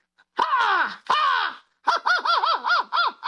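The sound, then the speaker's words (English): Someone loudly imitates an American crow: two long, harsh, drawn-out caws, then a quick run of five shorter, wavering caws, with no talking. “Why don't you do the American one first and then a British one, and we'll see if we can hear the difference.”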